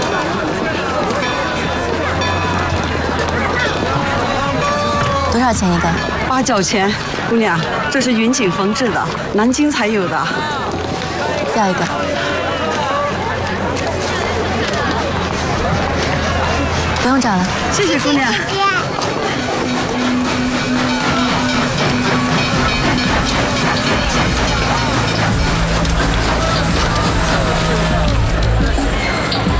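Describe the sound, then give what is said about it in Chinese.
Busy crowd ambience of a crowded train station with a steam train: overlapping chatter, footsteps and shouts fill the scene continuously, with a steady low rumble underneath and voices talking. “火车站人多出口多，你们有机会趁乱逃出。”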